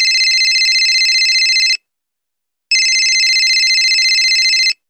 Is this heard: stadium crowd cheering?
no